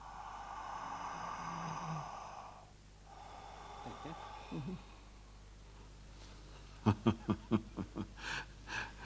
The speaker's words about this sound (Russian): Врачебный осмотр. Разденьтесь. Пожалуйста. Так, хорошо. Дышите. Еще.